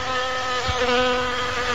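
A dense, steady drone of many insects buzzing together, a continuous layered hum with no pauses and no voices.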